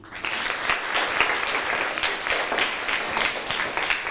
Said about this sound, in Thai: โอเคยอดเยี่ยมมากเลยนะครับขอเสียงปรบมือให้เพื่อนด้วยครับ